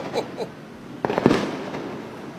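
Fireworks and firecrackers go off in a quick burst of sharp, crackling bangs, several pops in rapid succession, preceded by a couple of brief whooshing or whistling sounds.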